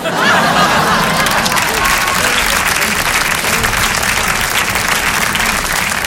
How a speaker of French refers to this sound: Merci d'applaudir la performance, merci.